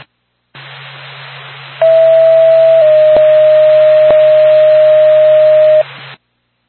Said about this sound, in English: Back to Lancaster Ambulance, stand by for tone.